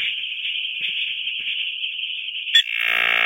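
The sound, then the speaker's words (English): A dial-up modem connects as a computer dials to go online with America Online. A steady, shrill high-pitched tone holds for a couple of seconds, then breaks with a sharp click into a loud, harsh hissing screech of handshake noise. No voices. “And this is the old sound of the internet.”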